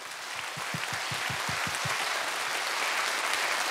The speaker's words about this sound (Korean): 영남 국악의 미래를 짊어지고 갈 젊은 국악인들에게 여러분 다시 한번 뜨거운 박수 부탁드립니다.